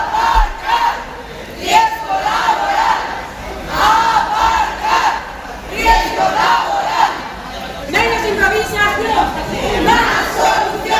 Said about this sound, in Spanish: Los manifestantes, convocados por la Junta de Personal del Hospital, han coreado gritos como estos.